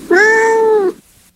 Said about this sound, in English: Yes, it is a cat.